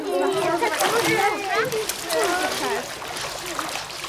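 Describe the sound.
Children splash their legs in water, steady churning splashes and sloshing running throughout, with lively children's voices calling and chattering over the watery noise.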